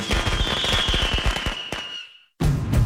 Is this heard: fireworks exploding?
yes